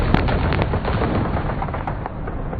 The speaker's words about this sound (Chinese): 不久，卢沟桥的枪声响起，拉开了中国全民族抗战的序幕。